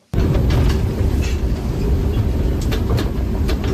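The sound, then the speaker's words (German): A regional train on a reactivated line in the Sigmaringen district, Germany, rolls along with a loud, steady low rumble and faint hum, broken by occasional light clacks and squeaks. The sound kicks in abruptly, with no voices. “da fährt, dank der Initiative eines Fördervereins, die Biberbahn wieder.”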